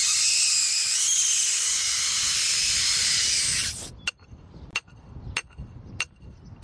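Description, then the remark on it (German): Loud, steady hiss of helium rushing into a balloon on a cornfield for a few seconds, cut off abruptly, followed by four sharp metallic knocks at a slow, even pace as a metal rod is knocked into the ground. No one speaks. “Die Ballons füllt er mit Helium, damit sie in die Luft steigen.”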